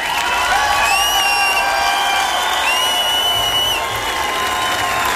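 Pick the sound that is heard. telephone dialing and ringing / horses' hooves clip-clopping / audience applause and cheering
audience applause and cheering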